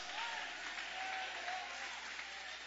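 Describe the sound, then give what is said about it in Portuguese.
An audience applauding: dense, steady clapping fills the whole stretch at an even, moderate loudness with no voices rising above it. “aplaude.”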